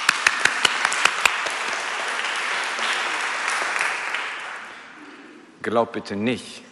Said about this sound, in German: Ja. Applaus für Gott.